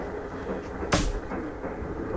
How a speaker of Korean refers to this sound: 몸집이 건장하고 얼굴색이 불그레한 라대방이 주먹으로 책상을 가벼이 울리며 뒤이어 입을 연다.